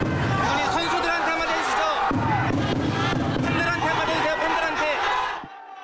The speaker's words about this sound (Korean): 홍명보 전 감독이 나오기 전부터 팬들은 홍명보 나가를 외치기 시작했고 야유 속 등장한 홍 전 감독은 취재진의 질문에 아무 답변 없이 공항을 빠져나갔습니다.